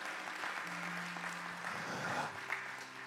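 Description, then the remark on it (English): A crowd gives the Lord a big hand clap, with steady, dense hand clapping that fills the whole clip and a sustained low hum running beneath the patter of many hands. “Give the Lord a big hand clap, if you will.”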